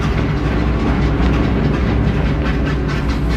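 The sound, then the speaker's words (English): The train Mao boarded, headed for Moscow in December 1949, rumbles steadily along the tracks, its wheels clattering in a continuous rhythmic clack over a deep, loud low-end roar, with no voices. “On December 6th, 1949, Mao boarded a train headed for Moscow.”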